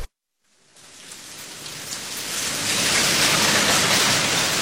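rain falling

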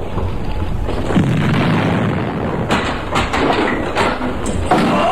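cannon fire

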